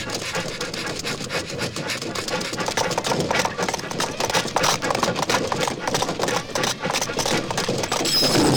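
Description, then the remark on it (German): A runaway, derailed locomotive races on through sand in a Lucky Luke story, its engine running hard in a loud, continuous mechanical rumble with rapid rhythmic chugging pulses that hold steady throughout without pause. “Erst muss ich diese Lok stoppen.”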